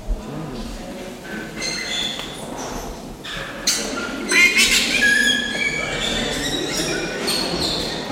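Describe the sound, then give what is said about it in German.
Loud, harsh squawks of lory parrots burst out repeatedly over a noisy background, with a cluster of shrill, piercing calls in the middle. “Dafür sind die da laut. Herzlori.”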